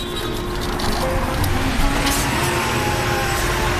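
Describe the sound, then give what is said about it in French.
Steady, dense rumble of car traffic at Porte de la Chapelle, heard while weaving through the cars on a scooter, with engines droning continuously and a faint passing whoosh midway; no voices, just an unbroken wash of street noise. “J'essaie de me faufiler avec ma trottinette magique à travers les voitures.”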